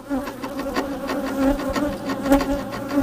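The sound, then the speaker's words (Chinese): Wild Chinese honeybees of Changbai Mountain buzz in a steady, droning hum at their nest in a narrow crevice of an old linden tree, their pitch wavering slightly as several bees circle and pass, with no voices present. “虽说长白山野生中华蜜蜂有超长的御寒能力，但依旧不能在低温中暴露时间过长。”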